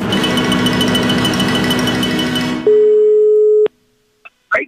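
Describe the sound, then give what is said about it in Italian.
A dense, buzzing mechanical noise gives way to a single loud, steady telephone line tone lasting about a second, as a phone call is placed to a farmer at 10 in the morning, followed by silence and two brief faint sounds. “Vediamo se il contadino Ennio risponderà al telefono.”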